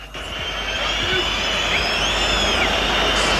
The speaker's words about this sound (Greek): Πρώτο σκόρερ ο Σέρβος εκτελεστής της, ο Λούκα Γιώβιτς, και ακούτε τις αποδοκιμασίες από τους οπαδούς του Όφη.